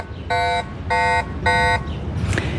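Three short, evenly spaced electronic alarm beeps from a bicycle anti-theft alarm, each a harmonically rich buzzing tone about a third of a second long, fairly loud over low background rumble.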